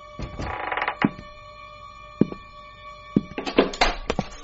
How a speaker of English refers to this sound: What's that? Shh. Somebody's trying to jimmy the door to the hall.